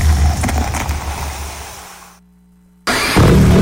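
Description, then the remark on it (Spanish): A CF Moto motorcycle engine rumbles loudly, drops back to a low idle hum for a moment, then bursts into a sharp, powerful rev. No one speaks. “En CF Moto encontrarás motocicletas para cada aventura.”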